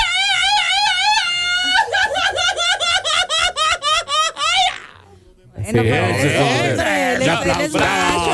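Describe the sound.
A voice imitates a loud Mexican grito: a warbling, high-pitched yell breaks into a rapid string of yipping cries, then after a brief pause comes a dense burst of yelling and laughter.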